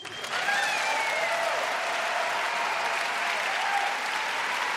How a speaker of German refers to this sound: Vielen Dank für den schönen Applaus. Ich wollte erst mal sagen, dass ich mich oder wir uns sehr freuen, heute in diesem Gebäude in der sogenannten Elbphilharmonie spielen zu dürfen.